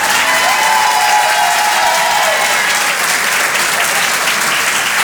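Sustained audience applause for a comedian at the Rire et Chanson Comedy Club, broadcast live on Rire et Chanson, fills the whole stretch, a dense, steady wash of many hands clapping at an even, loud level, with a few faint cheers or whistles early on.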